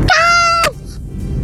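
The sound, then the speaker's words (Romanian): A five-year-old girl from Romania imitates her creaking door with one loud, high, steady squeak lasting about half a second that bends downward at the end, then a brief click and quiet background. “Și cum scârție ușa mea?”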